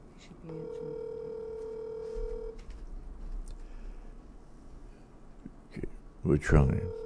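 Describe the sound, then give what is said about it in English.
A few quick dialing beeps from a cell phone placing a call give way to a steady, sustained ring tone lasting about two seconds, followed by faint background noise and a brief muffled burst near the end. “I've given you a call on my cell phone.”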